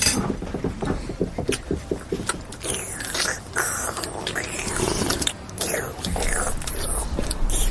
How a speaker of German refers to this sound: Hör mal auf zu schlürfen.